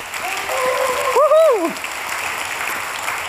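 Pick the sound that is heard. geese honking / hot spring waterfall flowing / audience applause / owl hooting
audience applause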